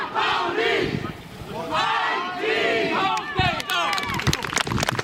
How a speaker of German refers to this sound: Applaus und Jubel, Blindenfußball des FC St. Pauli auf dem guten Weg. Doppelspieltag zu Hause mit 2 Siegen, voll mit dabei im Rennen um die Meisterschaft.